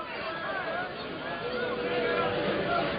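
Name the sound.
stadium fans booing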